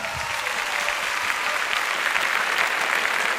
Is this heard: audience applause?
yes